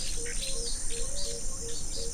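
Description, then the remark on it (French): Birds chirping steadily in the background, layered with a constant high insect-like buzz and a low rumbling of thunder; no voices, just a continuous outdoor soundscape. “Je vois tout autour de moi, tout est assombri, avec le bruit des oiseaux, le grondement du tonnerre.”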